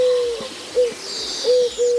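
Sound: eurasian collared dove cooing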